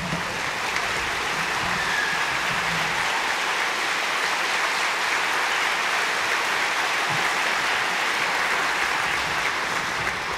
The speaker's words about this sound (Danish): Og allerførst synes jeg, vi skal give et varmt bifald til det orkester, som igen i år har stablet det hele på benene. Mine damer og herrer, Danmarks Underholdningsorkester.